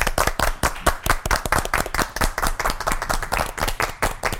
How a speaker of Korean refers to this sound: 박수로 맞아주시기 바랍니다.